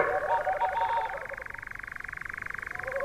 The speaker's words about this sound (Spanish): con permiso del corzo, es ese sonido pulsante de fondo que escuchamos de detrás, que es el reclamo, la llamada del mochuelo boreal. Un ave de los bosques del norte de Europa, sí, de la taiga, que encuentra cobijo en los bosques del Pirineo.